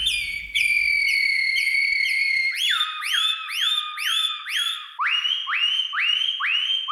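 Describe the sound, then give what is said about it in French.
A person whistles an imitation of Atlantic canary (serin des Canaries) song: bright, high trilled phrases, then rapid repeated swooping notes, ending in a series of rising slides slightly lower in pitch, steady and loud, with no talking. “Serin des Canaries”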